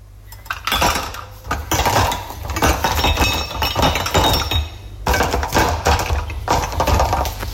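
Dishes and cutlery clinking and clattering steadily while being loaded into a dishwasher after a party, with bright metallic chinks and ceramic knocks piling up over a low hum, briefly pausing around midway.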